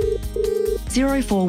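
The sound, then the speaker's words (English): A telephone ring tone sounds in two short, steady bursts, clear, then a voice comes in right after as if answering. “Clear, practical advice to help you make the best loan choices starts with a simple phone call.”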